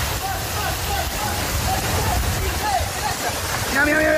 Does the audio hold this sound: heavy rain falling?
yes